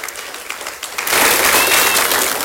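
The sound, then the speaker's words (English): A church audience breaks into applause for a woman who spoke before them during the service, starting with a few scattered claps and quickly swelling into steady, loud clapping from many hands. “Give her a hand.”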